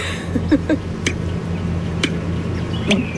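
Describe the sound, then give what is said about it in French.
A deep, low droning call of an American bittern hums steadily underneath a few sharp, drip-like clicks that pop up irregularly. There is no talking. “Donc, là, c'est un son qui vient de quelle partie de l'oiseau?”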